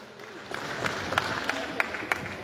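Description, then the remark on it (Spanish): An audience applauding at a commemorative event for the 31st anniversary of the Federación Campesina de Mujeres del Trópico, welcoming the vice president of COCANTROP: a steady wash of clapping with a few sharper individual claps popping out at a loose, regular pace. “Se ha entregado también y recibimos los fuertes aplausos para nuestra hermana”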